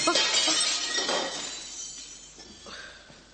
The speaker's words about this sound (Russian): Опять стекло высадили. Третье за эту неделю.